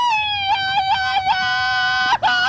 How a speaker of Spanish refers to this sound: Qué óvole, nomás hasta la gente gritó aquí a todo lo que da.